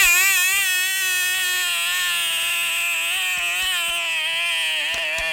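A mosquito's high, whining buzz drones on steadily for several seconds, its pitch wavering slightly, with a few faint clicks underneath and no voices.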